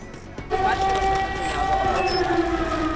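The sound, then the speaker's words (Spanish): An air raid siren in Kyiv, Ukraine, swells in after a half second and holds a steady, loud wailing tone, sounding over a low murmur of crowd noise and indistinct voices. “Las alarmas antiaéreas vuelven a sonar en Kiev, en plena visita del canciller alemán Merz.”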